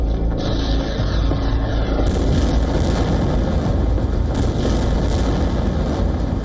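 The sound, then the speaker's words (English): An Iranian Shahed attack drone's engine buzzes steadily in flight, a loud, continuous droning whine with a rough, rumbling low end that never lets up; no voices are heard. “Iran's Shahid drone.”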